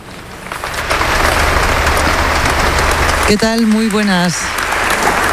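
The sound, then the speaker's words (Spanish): A crowd applauds a speech, heard live: a steady, dense, even roar of many clapping hands, while a lone voice calls out briefly above it partway through. “Lo que estás escuchando ahora mismo en directo son los aplausos al discurso que ha dado su”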